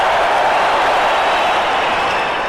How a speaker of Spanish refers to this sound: Se ha cumplido el minuto de aplausos.